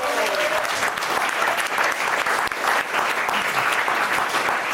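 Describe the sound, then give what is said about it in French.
An audience claps steadily and loudly throughout for a cook who made a slow-cooked beef dish, a dense wash of many hands with no break, while a brief murmur of voices and a faint tone surface at the start. “On peut l'applaudir.”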